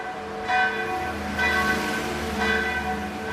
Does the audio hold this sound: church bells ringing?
yes